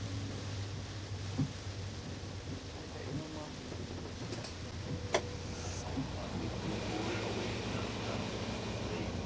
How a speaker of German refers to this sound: Delmenhorst, der Zug aus Osnabrück.